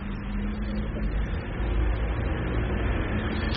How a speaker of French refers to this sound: Rue du Four passe une camionnette LMT. 5 ou 6 voitures particulières, une camionnette bleue EDF.